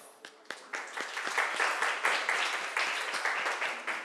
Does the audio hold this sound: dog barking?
no